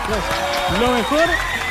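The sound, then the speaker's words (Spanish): Steady clapping from a small group applauding a friend, mixed with voices calling out and whooping over it, lively throughout. “Un aplauso a la amiga, aplauso.”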